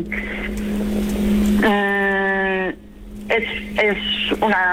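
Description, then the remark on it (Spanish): A small car engine, a car about the size of a baby stroller, runs with a steady droning hum throughout, interrupted by several loud, wavering tonal bursts that rise and fall over it. “Hombre, pequeño para ser un coche utilitario. El coche es del tamaño similar a un carrito de bebé.”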